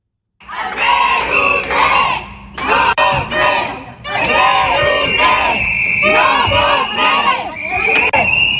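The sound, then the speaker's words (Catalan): A crowd of about twenty protesters chanting and shouting in loud, rhythmic bursts at the headquarters of the Socialists' Party of Catalonia (PSC) in Barcelona, which they tried to enter in the morning; voices rise together in repeated calls with brief pauses between phrases. “El punt del conflicte ha estat a la seu del Partit dels Socialistes de Catalunya a Barcelona, quan una vintena de manifestants ha intentat entrar aquest matí a la seu del PSC.”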